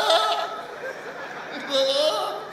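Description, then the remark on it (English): A goat bleats in short, wavering, moderately loud cries, with a steady background murmur beneath. “For Oshobo, na night when you dey sleep, goat they disturb you because they don't go hustle.”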